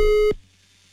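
A steady telephone line tone hums loudly for about a third of a second as a radio host dials a listener for a birthday wake-up call, then cuts off abruptly, leaving only a faint low hum of open line behind it.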